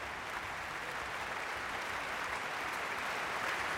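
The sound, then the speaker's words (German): Steady, dense applause from a large audience in the Elbphilharmonie concert hall after violinist Frank-Peter Zimmermann's performance, a continuous wash of clapping with faint cheering mixed in, holding at an even level throughout without voices speaking. “Frank-Peter Zimmermann wird auch in der Pause zu uns kommen zum Live-Gespräch und Sie hören es selbst, großer Jubel in der Elbphilharmonie.”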